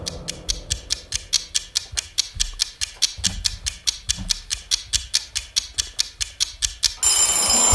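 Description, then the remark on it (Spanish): A vintage bell rings on its own to signal that voting time is up, loud and steady, its clapper striking in a fast, evenly spaced metallic rattle for about seven seconds before cutting off abruptly. “Qué bonito suena el timbre este vintage que tenemos.”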